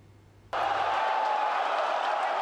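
A crowd of football fans, families included, watching a live 2026 World Cup match on a 430-inch TV in a Hong Kong shopping mall suddenly erupts into loud cheering after a brief quiet moment, the roar staying dense and sustained to the end.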